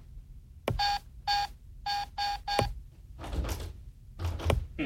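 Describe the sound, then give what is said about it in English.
Five short, steady electronic keypad beeps sound one after another in an uneven rhythm as a door password code is entered with wrong keys hit, with soft clicks around them, followed by rustling and a couple of dull thumps. “Must have hit the wrong keys.”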